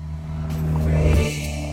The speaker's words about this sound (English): See, then I was just listening to the car noise. Because it does sound remarkably good for a car that would have to fully be, sick. I guess, 45 years old. Can he drive by again? He can come back a bit slower.